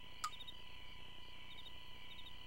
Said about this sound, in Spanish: Grillo.